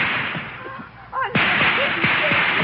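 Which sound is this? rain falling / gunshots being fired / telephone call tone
gunshots being fired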